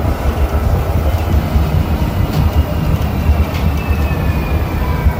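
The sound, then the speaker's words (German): Steady, loud low rumble of a bus in motion, heard from inside, travelling on from the train station in Freiburg towards the ice hockey arena, with a constant engine drone and faint rattling and road noise throughout. “Vom Bahnhof zu Freiburg geht es dann noch weiter mit dem Bus.”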